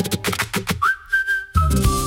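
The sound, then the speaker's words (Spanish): A bright whistled melody opens a song, with a clear held note sliding up and sustaining over light rhythmic backing before fuller instruments come back in. “empezamos con el silbido, que es muy de verano azul también”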